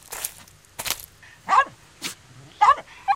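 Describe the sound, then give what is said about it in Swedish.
A happy, shaggy small dog yaps several times in short, high-pitched bursts spaced irregularly, fairly loud, with a few sharp noisy huffs between the yaps. “Den gläfser och vill nosa på Nalle”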